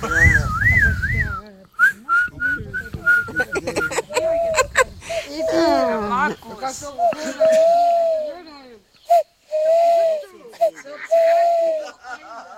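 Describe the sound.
Someone whistles, imitating a bird call like an owl's with a string of short warbling and wavering notes, broken by brief pauses and breathy mouth sounds.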